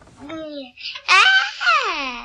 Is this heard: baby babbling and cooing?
yes